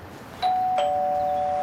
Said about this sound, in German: Ich klingel mal bei Nico.